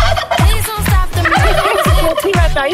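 A turkey gobbles loudly, a rapid rattling burst of repeated warbling notes that fills the whole short stretch without pause.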